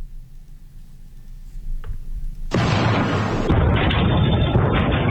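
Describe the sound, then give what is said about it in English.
A low, steady rumble gives way to a sudden, heavy sonic boom from a meteor breaking up at 75,000 miles per hour over Massachusetts, Rhode Island and parts of New Hampshire around 2 p.m. on a Saturday, followed by a loud, sustained roar that lasts to the end. No one speaks. “That was caused by a meteor going 75,000 miles per hour as it broke up.”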